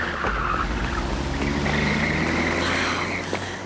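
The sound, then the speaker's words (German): A car engine roars steadily, with a thin, high tire squeal running over the rumble before the sound begins to fade slightly as the vehicle pulls away. “Das ist Offergelds Wagen. Den haben wir die ganze Zeit gesucht.”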